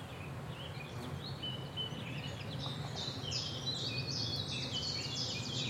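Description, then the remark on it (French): A common chiffchaff sings its repetitive two-note chiff-chaff song in a forest in Haute-Marne, France, high and steady amid a busy chorus of other birds, over a low continuous rumble of outdoor background noise. “Là, par exemple, on entend un pouillot véloce. On appelle ça le compte écu, qui va chip-chap, chip-chap, chip-chap, chip-chap.”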